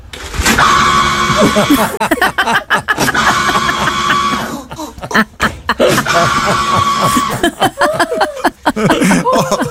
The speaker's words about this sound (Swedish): en sån här maskin som matar ut handdukar. Och vi ska ta och lyssna lite på klippet här också. Tänk get då. Yo, I am hollering. Somebody put this in our bathroom. And it's so funny because it do sound like...